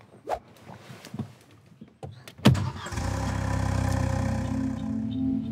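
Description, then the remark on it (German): A few scattered clicks and a heavy thunk, then a car engine with its exhaust blocked by a potato cranks and settles into a steady, loud, low rumble, with no one speaking. “Klassiker, Kartoffel im Auspuff.”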